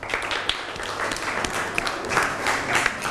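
A group of students in a class claps steadily for about three seconds for classmates coming up to present, a dense patter of many hands with sharp, bright slaps and no voices over it.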